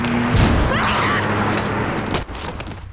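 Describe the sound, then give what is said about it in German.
A car engine roars, then a heavy thud of impact cuts through as the car runs a man over. A dense crash of noise follows before the sound dies down abruptly near the end. “Und dann kam ein Auto und hat ihn umgefahren.”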